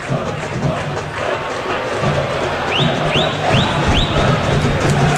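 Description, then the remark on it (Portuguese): São Lourenço football supporters chant at the Vila in a dense, loud, steady roar of massed voices, with four quick rising whistle-like tones repeating evenly in the second half. “Os caras são barulhentos.”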